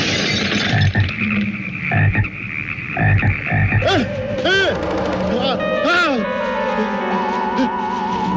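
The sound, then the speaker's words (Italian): Frogs croak in a dense chorus, a rhythmic, rasping pulse of repeated calls that starts out steady, then gives way to swooping, wavering tones layered over the croaking, in the film Frogs. “Ecco quindi cose come rane normalissime, nemmeno filmate per vero ma con immagini rubate ai documentari, che saltano normalmente come fanno le rane normali, ma salendo, per finta ovviamente e anche male, ignari e bonari bipedi dall'aspetto umano.”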